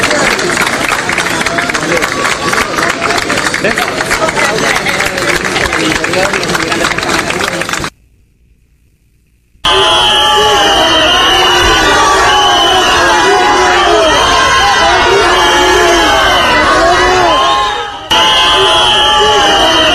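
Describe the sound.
A large crowd claps and cheers loudly for Spanish politician Marlaska, then after a brief silence a dense mass of voices shouts and whistles at him, the noise continuing unbroken.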